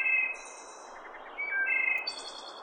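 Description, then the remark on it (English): Clear, high bird calls ring out in bright, bell-like notes, then break into a rapid staccato trill, layered over a steady chorus of other chirping birds with no voices. “Chances are pretty good you've heard its clear as a bell call that ends with a staccato machine gun-like trill.”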